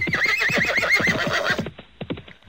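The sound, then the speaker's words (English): A horse lets out a loud, quavering whinny over rapid galloping hoofbeats; the whinny cuts off and the hooves keep pounding briefly, growing more scattered as they move off. “And all the bandits, just as furiously as they came, thundered off on their horses.”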